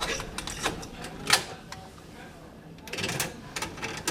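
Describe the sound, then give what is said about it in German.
Plastic clicks and clacks as a cassette is handled and loaded into a tape deck bought 35 years ago, with a sharper snap partway through, a short lull, then another burst of rattling mechanical clicks. “Er greift zu einer Kassette, die mit … beschriftet ist.”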